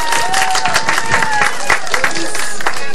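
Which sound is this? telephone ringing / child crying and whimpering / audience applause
audience applause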